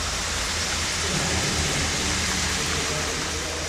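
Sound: flowing water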